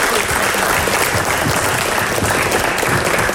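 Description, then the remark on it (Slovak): A large crowd applauds loudly and steadily, dense clapping filling the whole stretch without pause and no voices standing out. “Veľký potlesk.”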